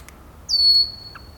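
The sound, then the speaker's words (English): At the Tektexan Marsh just past 4 o'clock, with the wind picked up a little, a red-winged blackbird gives a single high, thin alarm whistle that slides slightly downward and holds for nearly a second, bracketed by two brief, faint chip calls against a quiet outdoor background. “We still hear the jack calls and alarm whistles, the red-winged blackbirds.”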